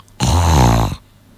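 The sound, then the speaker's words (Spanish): A person imitates a single loud, rasping snore lasting under a second, a harsh, throaty inhalation with a buzzing vibration, mimicking the labored breathing of an obese person with a thick neck lying back, as in apnea, followed by quiet. “Le cuesta respirar y es una respiración algo así.”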